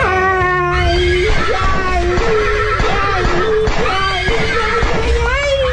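A horse whinnies loudly, its shrill, quavering neigh rising and falling repeatedly over about six seconds against a dense, busy background.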